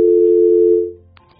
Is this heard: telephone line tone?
yes